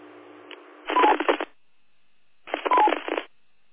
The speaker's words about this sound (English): Affirmative. Wow, hearing a lot of beeps. I think it's Kilo Charlie 6.